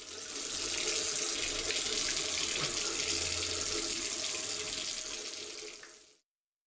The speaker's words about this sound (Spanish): Si no cerras la llave mientras lavas los platos o te cepillas los dientes, estás desperdiciando el agua que se tomarían 44 personas en un solo día.